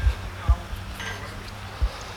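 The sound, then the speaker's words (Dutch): A blacksmith hammering metal: three heavy, dull strikes at uneven intervals, each with a faint metallic clink, over a low steady background murmur. “Dat is een smid aan het werk.”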